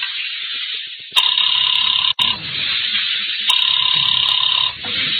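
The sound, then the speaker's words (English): A telephone rings twice as a call is placed, each ring lasting about a second with a pause between, heard over a steady background hiss as if through a phone line. No one speaks. “I decided to phone him.”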